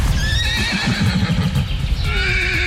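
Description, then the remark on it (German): Wild horses, from a herd of about 400 living outdoors year-round in the Meerfelder Bruch nature reserve in Dülmen, whinny and neigh loudly, their high, wavering calls overlapping, while a steady clatter of hooves clops underneath throughout. No one speaks. “war gestern bei den Wildpferden in Dülmen.”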